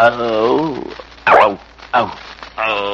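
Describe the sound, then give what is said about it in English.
A man's voice imitates an animal growl, two short, rough bursts separated by brief pauses and framed by drawn-out voiced sounds. “You growl once. Let's hear you do it again”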